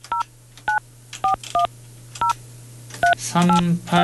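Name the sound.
telephone dialing tones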